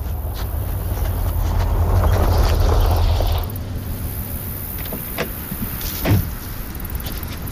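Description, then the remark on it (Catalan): A car engine rumbles and grows louder, then cuts down sharply as the car arrives and pulls up, leaving a quieter idle with a few faint clicks and knocks. “Ah, mira, ja arriba.”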